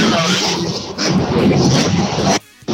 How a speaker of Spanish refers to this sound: Bueno, alguien que se va a boxe, mucho ruido ahí de los autos en marcha en este momento.